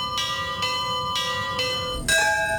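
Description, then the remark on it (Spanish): Church bells in Colombia ring at 7:34 in the morning to honour victims one month after an earthquake, a steady, overlapping peal of about five bright, resonant strikes in quick succession, each ringing on while the next sounds, with no voices present. “A las 7:34 minutos de la mañana, varias iglesias del país tocaron sus campanas.”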